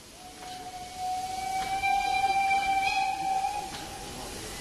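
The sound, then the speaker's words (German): A class 03 steam locomotive's whistle sounds one long, steady blast lasting a couple of seconds, loud, over a continuous low background rumble with no voices, as the locomotive is about to be driven onto the coal track. “Ja, wir werden jetzt die 03 hier aufs Kohlegleis fahren.”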